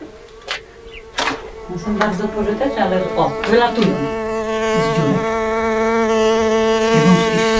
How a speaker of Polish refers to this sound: A tu są trzmiele. Nie bać się, one nie gryzą. Mhm. O. Jak latają? Trzmiele?